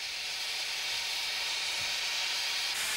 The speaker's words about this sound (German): Nach wenigen Minuten ist die Arbeit beendet und die Dampflok kann wieder angekuppelt werden.